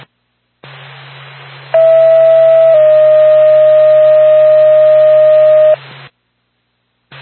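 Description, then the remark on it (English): A loud, steady radio dispatch alert tone for an ambulance call holds one pitch for about a second, then drops slightly to a second long sustained tone, over a band of static hiss and low hum. “Norfolk to Lancaster Ambulance, stand by for tone.”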